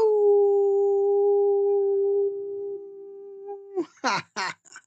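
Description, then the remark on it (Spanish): A radio host imitates a wolf howl as a sign-off at the end of the program, one long, steady, mid-pitched note held for nearly four seconds that fades out, followed by a few short voiced bursts. “Y si están por ahí, quédense por ahí, que tengan muy buena noche, excelente despertar y les envío un gran aullido.”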